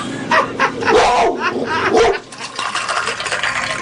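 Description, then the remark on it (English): A trained female dog barks and yips in a quick series of short bursts over steady background noise, then falls quiet for the last couple of seconds. “Well, she's a beautiful dog, but a tough-looking one.”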